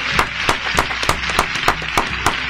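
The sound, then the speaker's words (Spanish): A round of applause from a crowd welcoming a guest on a TV and radio show: a dense wash of clapping with sharp, loud individual claps standing out at a steady pace of roughly three per second, with no voices over it. “Bueno, primero la vamos a recibir con un aplauso.”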